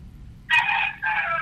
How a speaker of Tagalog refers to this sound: Murag manok.